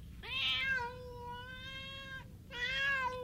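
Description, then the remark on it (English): A starving kitten meows twice, a long drawn-out high-pitched mew followed after a short pause by another, fairly loud, with no talking. “We don't have food for ourselves, and you want to take along a starving kitten?”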